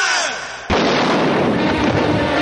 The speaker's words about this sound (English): You're right, that was a gunshot you heard. It's a scene from our new picture, The Man Who Knew Too Much.